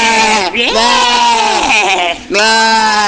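Goats bleating loudly, a quivering, wavering cry that dips briefly and then returns in three continuous bursts across a few seconds.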